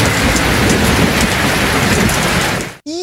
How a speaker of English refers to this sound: The sound of rain falling. Oh, that's a good one. Is rainfall a satisfying sound?